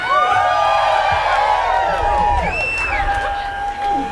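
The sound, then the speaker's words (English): A large audience screams and cheers loudly when called on to scream, many high voices overlapping in sustained, wavering shrieks and whoops that fill the space without a break. “I'm gonna say I come to scream.”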